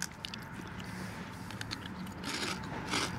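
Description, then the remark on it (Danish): Crisp crunching of sea-salt potato chips being chewed during a tasting, a steady run of brittle crackles with a few louder bursts near the end. No one speaks. “Ja, der bliver knaset.”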